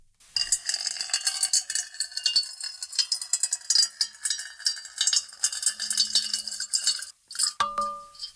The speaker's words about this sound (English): Now, a little ASMR. Water being poured into a metal bowl.